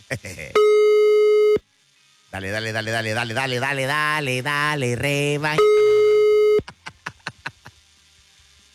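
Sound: telephone line tone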